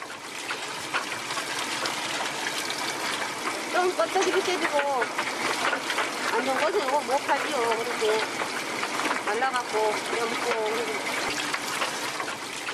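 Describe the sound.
Steady running and splashing water fills the scene, continuous, as snailfish (kkomchi), split along the back and gutted, are washed clean in cold seawater to be dried in the sea wind, with faint voices murmuring underneath partway through.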